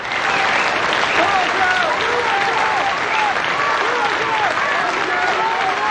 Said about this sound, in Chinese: 下面请欣赏由著名诗人冯化成为大家朗诵普希金的《假如生活欺骗了你》，掌声欢迎。